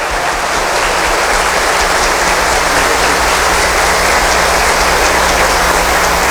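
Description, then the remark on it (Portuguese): A crowd applauds steadily, a dense wash of many hands clapping at once, loud and sustained for several seconds with no voices breaking through, welcoming a visiting vocal group at a parish church before Mass. “Então, os acolhamos com uma salva de palmas.”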